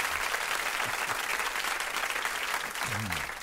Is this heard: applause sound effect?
yes